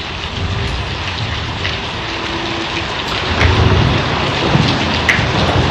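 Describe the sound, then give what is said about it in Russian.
Steady, heavy rain hisses throughout a thunderstorm after a very hot day, and partway through a deep roll of thunder swells up beneath it, growing louder and rumbling on to the end. No one speaks. “Сверкнула молния, грянул гром, и освежающий дождь пролился на землю.”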